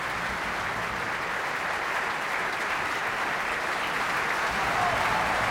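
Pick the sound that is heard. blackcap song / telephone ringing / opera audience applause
opera audience applause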